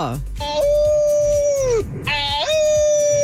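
A loud wolf-like howl in two long sustained wails, the first sliding down in pitch before a brief break, then a second rising howl that holds steady.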